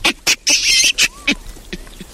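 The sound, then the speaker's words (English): A large, hairy monkey known for its bright red bottom gives a shaky, screeching call: a run of loud, harsh, high-pitched bursts, one drawn out longer in the middle, then fainter squawks trailing off, with no voices. “From one of the biggest monkeys around.”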